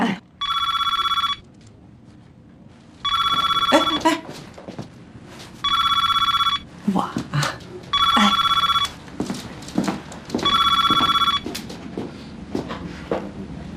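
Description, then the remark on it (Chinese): A telephone at the Mingmei housekeeping agency office in Beijing rings five times in a steady rhythm, each bright electronic trill lasting about a second with short pauses between, loud, over faint background clatter. “你呢先看看资料，接接电话什么的，有什么不清楚的可以问我们，问谁都行啊。”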